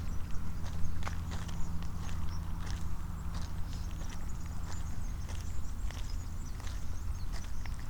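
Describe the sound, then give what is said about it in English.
Steady footsteps walk along a hard surface in Madrid, on a walk tracing the course of a river now hidden under urban development, in an even rhythm, crisp clicks over a constant low rumble of traffic and city hum, with no one talking. “A walk tracing the course of a river in Madrid that is now hidden under urban development.”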